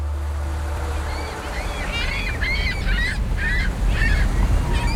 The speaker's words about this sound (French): Ah, il y a quelques goélands. C'est pas mal, hein? Venez là, les copains. Ça fait du bruit, c'est sympa, il est content.